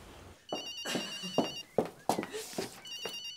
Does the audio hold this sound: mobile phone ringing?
yes